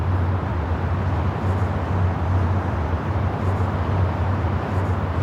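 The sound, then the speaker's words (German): A steady, dense roar of motorway traffic passing beside a noise barrier, cars and louder trucks blending into one continuous rumble, fairly loud and unbroken, with a low droning hum underneath and no voices. “ganz eindeutig hören Sie ja hier die Autobahn direkt benachbart”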